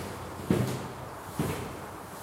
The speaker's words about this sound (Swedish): Någon går med tunga, långsamma steg i trappan.